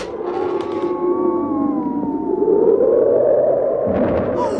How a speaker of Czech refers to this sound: Prokryle, pane, to je fujavice. A krop je tu až po kolena. A vítr mi vzal čepici.